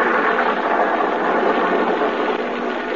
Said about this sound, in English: Another night, a lonely country road, a car.